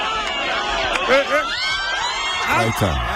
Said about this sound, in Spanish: También la gente gritando no ayuda.